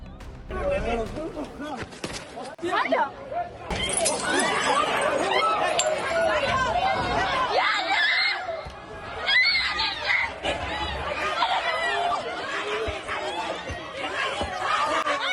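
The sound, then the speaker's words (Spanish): A chaotic street brawl in the early morning during the town festival in Tabernes, Valencia, where dozens of young people beat a man: a girl's high-pitched screams, as she tries to stop the fight, rise repeatedly over a loud, agitated crowd shouting, with occasional clinks of glass amid the continuous commotion. “De madrugada, una chica, que la han escuchado gritar, intenta parar la pelea, pero no lo consigue.”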